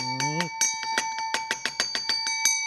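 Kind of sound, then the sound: signal or alarm, doorbell ringing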